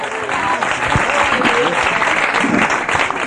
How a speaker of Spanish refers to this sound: Denle fuerte ese aplauso al Señor esta tarde.